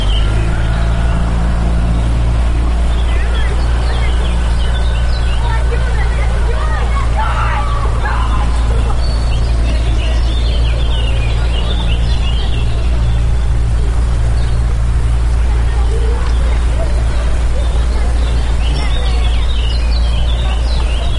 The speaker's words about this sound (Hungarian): Itt fent egyébként a csónakháznál nagyon nagy a sürgésforgás, mert hogy a picik most szállnak vízre